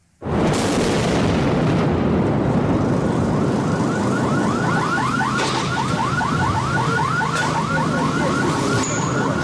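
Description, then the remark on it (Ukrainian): A sudden, loud explosion from shelling bursts out in Kramatorsk, Donetsk region, Ukraine, where apartment buildings were struck, leaving a heavy, sustained roar of noise across the city, while a warbling car alarm starts up partway through. No one speaks. “Перші секунди обстрілу зафільмували кореспонденти Суспільного.”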